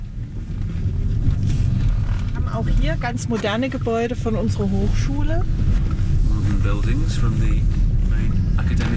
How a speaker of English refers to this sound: What sort of a car is this? This is my company car, and I drive it everywhere, every day. And it's an electric car. Was it made nearby here in the VW factory? Of course, natürlich. Yeah. Made in Zwickau.